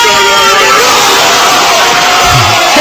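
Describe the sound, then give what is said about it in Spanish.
A dense crowd roars and yells in celebration of a goal, a loud, sustained wall of shouting voices filling the whole stretch, with a few individual bellows rising out of the din. “El que lo narraba era Lama, los que lo gritaban eran todos los demás, la voz de Manolo Lama, sí.”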